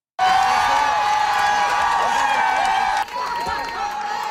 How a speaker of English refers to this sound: Those are fans cheering the Montreal Victoire as they got off the bus from Ottawa and hoisted their first ever Walter Cup.